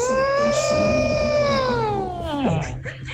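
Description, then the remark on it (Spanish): A person imitates an elephant's trumpet as part of acting out the animals of Noah's Ark, a loud, sustained, high-pitched vocal blare that holds steady for over two seconds, then drops sharply in pitch at the end. “Y va diciendo, me hace falta el elefante. Y el elefante hizo...”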